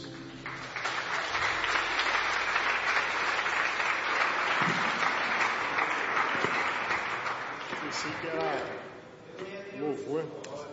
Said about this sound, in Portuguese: Vamos receber o servo de Deus com palmas bem forte para Jesus.